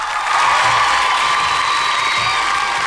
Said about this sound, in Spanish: Así que mi querida Mía, muchas felicidades, aplausos para Mía, por favor.